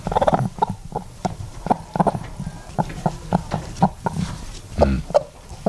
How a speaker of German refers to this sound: Jetzt Henne Nummer 3.